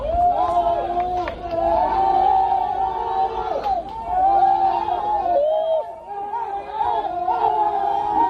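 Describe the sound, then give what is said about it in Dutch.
Rescue workers outside a flooded cave in Laos cheering loudly on hearing that five trapped men were found alive, with many overlapping raised voices whooping and shouting in a continuous roar that lasts about eight seconds with only brief dips. “Ja, luid gejuich, maar de zoektocht is nog niet voorbij.”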